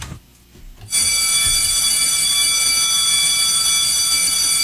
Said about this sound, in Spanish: ¡Ya dieron el timbre! ¡Y aquí comienza!